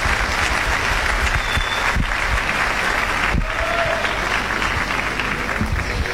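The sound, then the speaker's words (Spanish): A live audience at the amphitheater in La Falda, on the first night of the 42nd Festival del Tango, applauds loudly and steadily for the pianist who wrote a waltz, a dense wash of many hands clapping that holds for about six seconds, with no voices standing out. “El aplauso fuerte para él.”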